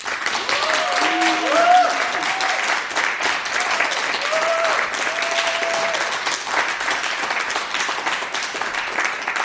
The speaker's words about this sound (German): Und das heißt, es wird heute Abend auch Applaus geben. Und ich schlage vor, wir probieren das mal aus, so auch als Begrüßung für alle, die uns zuhören und auch natürlich für die Bands.